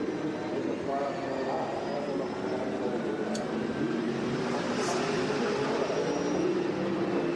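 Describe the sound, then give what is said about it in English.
A racing car engine heard from onboard as the driver nurses the car home, not on full revs: a steady, rough drone with a faint whine over it, holding at an even level without climbing or surging. “Well, he's certainly not going on full revs, is he?”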